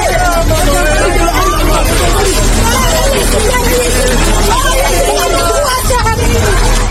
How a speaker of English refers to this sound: These people can be heard shouting moments before a building collapsed at 6 a.m. local time and 11 p.m. last night, Irish time.